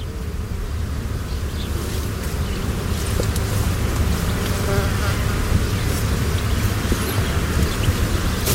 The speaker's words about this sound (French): On entend des tronçonneuses dans le bois, un petit peu à l'arrière, à 9h, on va dire.